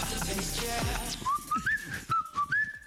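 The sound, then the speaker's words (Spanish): Someone whistles a short tune on Radio 1, the thin melodic line stepping up and down in brief phrases after a burst of mixed noise and chatter at the start. “Bueno, chicos, si no sale cantando, hay que silbarlo, ¿eh?”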